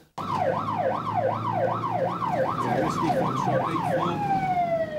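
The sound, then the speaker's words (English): A police car siren wails loud in quick, repeating up-and-down sweeps over a low engine rumble as the car, lights flashing, comes up behind a driver, then shifts to a steady, slowly falling tone near the end. “The police car came up behind me, lights flashing, and I pulled over and stopped.”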